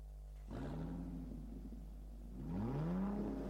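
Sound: car engine revving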